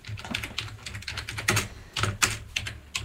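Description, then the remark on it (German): Rapid typing on a computer keyboard, entering the word "Gamelan" as a search, a steady patter of sharp, bright key clicks with a few louder strokes, continuing for a few seconds with no voices. “könntest du vielleicht einfach Gamelan eingeben oder soll ich dir helfen, Gamelan zu finden?”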